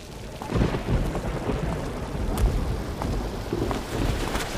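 Steady, heavy rain hisses with a dense, continuous patter and a deep rumbling undertone, holding the same loudness throughout with no voices.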